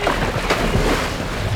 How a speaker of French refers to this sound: Les mouvements de balancier qu'ils font subir à l'iceberg provoquent beaucoup de remous. Les vagues se fracassent sans arrêt sur le phoque. Elles le poussent dans l'eau.